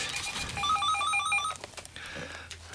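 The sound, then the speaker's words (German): A telephone rings with one burst of rapid, electronic warbling trills lasting about a second, clear, as a listener calls in to the show, followed by quiet background noise with no talking. “Es klingelt das Telefon an dieser Stelle.”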